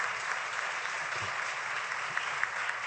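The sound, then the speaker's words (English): An audience at a church service claps steadily, giving the Lord applause for a Bible passage, in a dense, sustained wash of applause, even in loudness, with no pauses throughout. “Let's give the Lord an applause for this word.”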